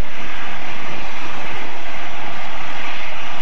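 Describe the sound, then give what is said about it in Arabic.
A loud, steady engine roar from an Iranian airplane at Hodeidah International Airport in Yemen runs continuously, with a broad rushing hiss and a rumbling low end, as if idling or running on the ground. No voices. “وهكذا مشاهدي الكرام، يرسل الشعب اليمني هذه المرة رسالة بلهجة تهامية واضحة ومن أمام الطائرة الإيرانية التي كسرت الحصار”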